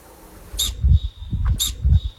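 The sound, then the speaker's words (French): An Alpine ibex gives two sharp, high whistling calls about a second apart, each trailing off into a thin steady tone, with soft low thumps underneath. “Le bouquetin, oui, c'est le bouquetin.”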